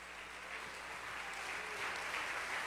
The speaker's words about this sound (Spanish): Dale un aplauso de alabanza al Señor Jesucristo.